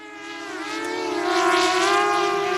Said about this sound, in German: Über ihnen eine Drohne des Münchner Start-ups Titan Technologies.